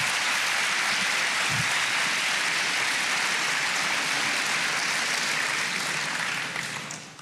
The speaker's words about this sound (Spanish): ¿Cuántos aman al Señor? Te van a probar. ¿A qué levanté la mano? Yo levanto mi mano y sé que en medio de la prueba Dios me dará la victoria. Denle palmas al Señor.